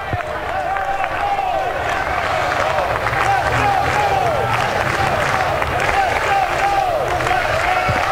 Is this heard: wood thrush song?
no